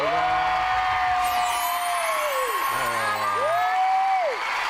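A studio audience claps steadily and loudly throughout, a dense wash of applause with some cheering, welcoming a single woman contestant on a dating show, while rising and falling electronic tones sweep over it like a show's musical sting.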